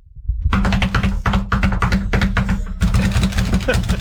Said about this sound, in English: What is that? That's somebody cramming and slapping their knuckles onto their desk. Oh. Like a drum beat. Yeah, like drumming on everything.